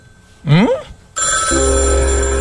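A loud, steady telephone ring with a bright, buzzy tone that starts about halfway through and continues to the end. It follows a short rising, whooping sound. No one speaks.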